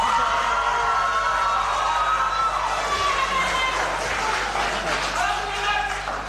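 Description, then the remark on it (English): A large crowd cheers and claps in a steady, loud wash of noise that holds for several seconds, with a mix of voices calling out throughout. “Cheer, guys.”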